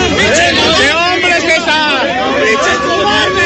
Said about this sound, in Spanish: Esto en Calzada de Tlalpan, escuchamos ahí los gritos, los jaloneos, donde también se encuentran medios de comunicación nacionales e internacionales captando lo que está sucediendo en Calzada de Tlalpan